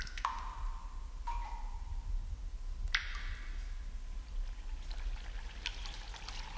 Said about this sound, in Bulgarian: Недалеч от тук има изворче. Ще отидем при него.